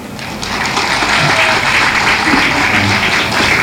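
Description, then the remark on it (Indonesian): Steady, dense applause from a crowd at an RRI Endi talk show held in the courtyard of SMK Yosudarso Endi, welcoming a station official, many hands clapping loudly and continuously throughout without pause. “Berikan tepuk tangannya.”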